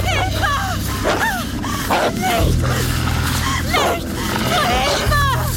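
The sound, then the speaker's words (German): A pack of wolves that has encircled someone barks and snarls in a frantic, overlapping chorus of sharp yelps and rising whines, carried over a steady low rumble throughout. “Meine Wölfe schienen jemanden eingekreist zu haben.”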